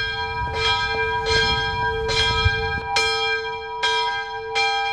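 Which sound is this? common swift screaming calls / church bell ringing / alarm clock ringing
church bell ringing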